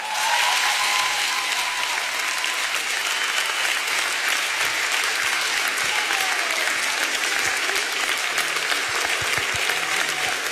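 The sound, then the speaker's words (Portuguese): A large audience applauds steadily as a guest is welcomed onto the stage, a dense wash of clapping that stays loud and even for about ten seconds, with a few faint cheers mixed in. “Faz favor de aplaudir este homem, faz favor.”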